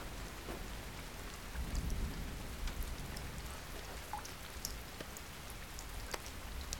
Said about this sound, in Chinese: 外面在下雨，妈妈没有带伞，妈妈可能在淋雨。